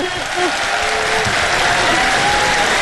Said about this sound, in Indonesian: Ramai peminat dia. Ya Allah, ya Tuhanku, satu stadium beri tepukan padanya. Tahniah.